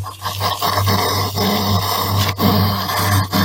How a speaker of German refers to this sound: Nee, es ist kein kleines Schweinchen. So klingen Igel.